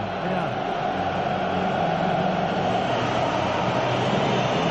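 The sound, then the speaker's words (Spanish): A stadium crowd roars and whistles during the song played for the English team, at a match with Argentina, a dense, unbroken wall of noise that holds steady and loud for the whole stretch, with no single voice standing out. “Por eso los silbidos.”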